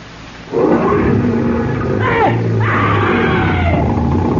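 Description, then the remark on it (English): A car engine roars to life and revs hard, its loud, steady growl rising and dipping in pitch as the motor is raced, with no one talking. “Now I'm going to race the motor.”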